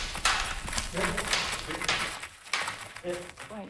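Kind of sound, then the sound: animal, war horses' hooves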